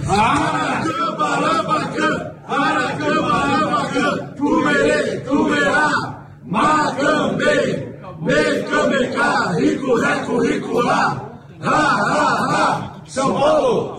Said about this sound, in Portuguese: Tá todo mundo pedindo o WhatsApp aí de novo, esse grito de guerra aí.